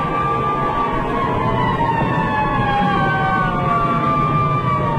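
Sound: fire engine siren wailing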